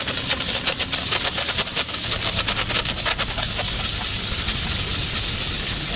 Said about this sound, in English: You turn on the machine and the machine heats up. So basically we're ready to go. And what we do is turn on the steam button. We place the steam right on the gum and inject the chemical and motion.